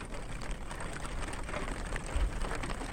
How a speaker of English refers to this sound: I mean, there's rain on tinfoil that you or I could record, and then there is the same rain on the same tinfoil recorded in such a masterful, precise way with beautiful microphones and perfect conditions.